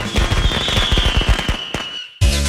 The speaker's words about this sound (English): Let guerrilla fireworks light up the sky on your 4th of July.